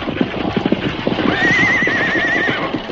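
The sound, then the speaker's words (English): Horses clip-clop in a busy, uneven rhythm of hoof beats, and partway through a high, wavering whinny rises above them and holds for about a second before fading. “Steady there, you horses. Whoa, whoa up there.”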